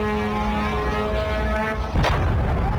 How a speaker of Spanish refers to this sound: Irán asegura haber respondido con misiles y drones contra instalaciones con presencia estadounidense en distintos puntos del Golfo. Esta es una de esas explosiones recogidas en Kuwait.